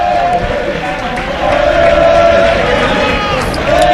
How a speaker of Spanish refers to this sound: Es un barrio humilde de trabajadores de aquí, de Las Palmas, de Gran Canaria, y bueno, y los chavalitos que intentan animar. Pero se escuchan más los aficionados del Recre.